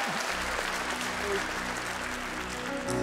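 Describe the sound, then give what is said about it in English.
Sustained audience applause at a Sunday morning church service, a dense wash of many hands clapping at steady volume for a few seconds, with a faint low hum underneath. “Let's give a clap to that.”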